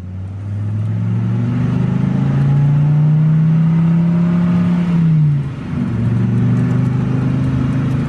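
A car engine hums steadily and grows louder as the vehicle draws near, its pitch rising, then briefly dips before the motor steadies again. No voices are heard.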